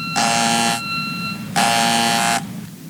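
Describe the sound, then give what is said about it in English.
A harsh electric doorbell buzzes twice, each long blast about half a second or more, loud and raspy with a steady drone between, and no one speaking. “I better get that. I think the door is still locked.”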